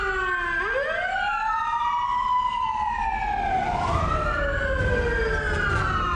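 A fire truck siren wails loudly and steadily at midnight on 12 September 2023, heading to a fire at a nine-storey house in lane 29 Khương Hạ; its pitch sweeps slowly up and down in long rising and falling cycles, with a low rumble of engine and road noise beneath.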